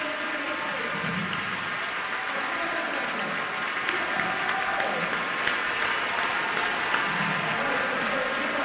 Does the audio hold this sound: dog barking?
no